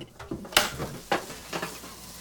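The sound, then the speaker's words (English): Kitchen clatter: a few sharp clinks and knocks of crockery and utensils at uneven intervals, over a steady low hiss of a kettle heating for a cup of tea. “The kettle's on.”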